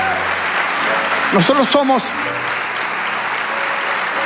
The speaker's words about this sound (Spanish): Vamos, dale ese aplauso.